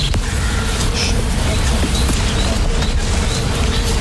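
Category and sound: insect, bees buzzing in trees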